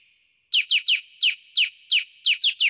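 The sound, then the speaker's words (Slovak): A bird chirps in a quick series of about nine bright, sharp notes in loose pairs and triplets, clear over a faint steady tone, with no talking. “A to vtáčika, ktorý keď sa spojí spolu so všetkými, a teda aj s Hrochom a aj s kozou, tak hrajú nejakú pesničku, ktorú dobre poznáme.”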